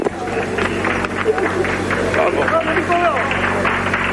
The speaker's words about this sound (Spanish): Creo que este aplauso lo dice todo